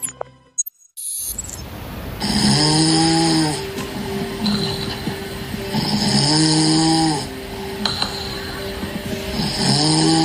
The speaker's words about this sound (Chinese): 我们会现场来播放6段呼噜声，请您来一一做出判断，我们看看哪一个呼噜声或哪几个呼噜声它是一个高风险的一个情况，好吗？如果是高风险的话，就请您对应的拍亮红灯。 好的， 好，那我们来听一下第1段呼噜声。